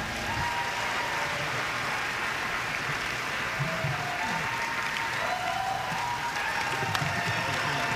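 Steady audience applause fills the whole stretch, a dense wash of many hands clapping at an even level, with faint murmurs of voices mixed underneath.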